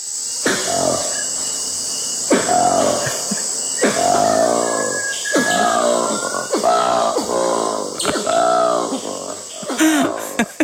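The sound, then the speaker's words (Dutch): Black monkey calls: a series of about eight harsh, grunting bursts with a wavering tonal quality, coming in an uneven rhythm over a constant high-pitched insect drone. “Ja, we hebben ook het geluid van de goede ouderwetse zwarte aap die 1200 kilometer verderop een heel ander geluid maakt.”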